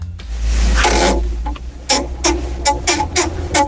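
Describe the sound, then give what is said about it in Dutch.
A desk exercise bike (home trainer) creaks and rasps as it is pedaled, with a steady rhythm of repeated squeaky strokes over a low mechanical rumble, fairly loud, with no voices. “Nou, zo klinkt inmiddels die bureaufiets die ik van Kevin heb gekregen.”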